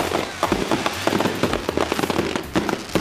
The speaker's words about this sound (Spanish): Y como si no fueran lo suficientemente peligrosos, ahora le agregaron explosivos. Estos chamacos apenas pueden recordar quién descubrió América. Ahora imagínense manejando fuegos artificiales.